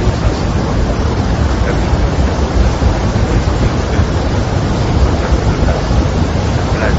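A loud, steady roar of rushing water fills the whole recording, a dense unbroken wash from a powerful waterfall, the Garganta del Diablo (Devil's Throat), with the river level greatly risen, with no pauses or distinct events.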